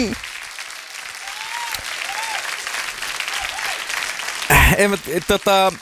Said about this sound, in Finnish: Tuosta aplodit.